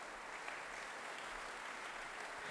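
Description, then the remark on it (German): Long, enthusiastic applause from the audience in the Angelika-Kaufmann-Saal thanking the artists Christoph Bregardien and Julius Drake after Franz Schubert's Winterreise: many hands clapping at once in a continuous wash with no pauses and no voices. “Ähnlich dürfte das Publikum im Angelika-Kaufmann-Saal den Vortrag von Christoph Bregardien und Julius Drake aufgenommen haben, denn es hat den Künstlern mit lang anhaltendem und begeistertem Applaus gedankt.”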